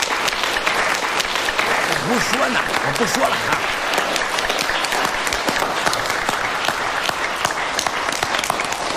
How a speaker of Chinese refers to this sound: 鼓掌！